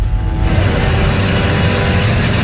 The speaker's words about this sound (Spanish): hemos visto un Fórmula 1, un Red Bull, circulando por los túneles del Metro de Madrid. Así suena.